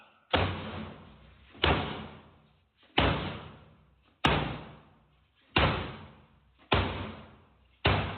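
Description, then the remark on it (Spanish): Police force an apartment door open during a raid with about seven heavy, booming blows struck at a steady pace, each loud with a short ringing decay, and no voices. “¡Policía, abre la puerta!”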